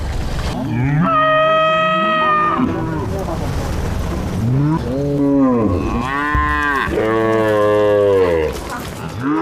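A herd of cattle lows in long, drawn-out moos, several calls overlapping and rising and falling in pitch, loud and close, with no one speaking.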